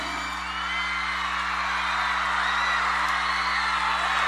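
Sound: audience applause and cheering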